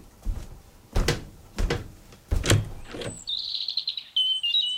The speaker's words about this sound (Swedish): Det är en härlig dag. Solen skiner och fåglarna kvittrar.